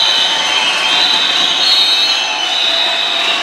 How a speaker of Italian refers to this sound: Il tifo del pubblico stordisce letteralmente.